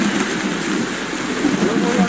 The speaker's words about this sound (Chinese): 下雨天太湿了，不收啊。